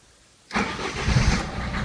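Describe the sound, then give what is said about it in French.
After a moment of silence, an old engine that has just been refuelled and is being started bursts into life with a sudden rough roar, then keeps up an uneven, loud rumble and sputter with no voices. “Mais il est maladroit et n'arrive à lui arracher qu'un bref sursaut assorti d'un hoquet de protestation.”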